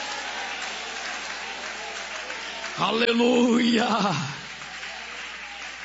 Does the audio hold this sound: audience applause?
yes